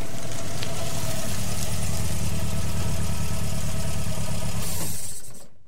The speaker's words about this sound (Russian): Тома свернула на проселочную дорогу и заглушила мотор.